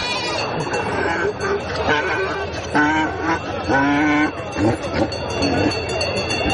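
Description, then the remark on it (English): Sheep and goats bleat repeatedly at a busy livestock market on a hill beside an encampment, where they are being inspected and offered for sale, several quavering calls rising over a constant hubbub of voices and activity. “On a hill on the other side of the encampment, there are donkeys, sheep, and goats being inspected and offered for sale.”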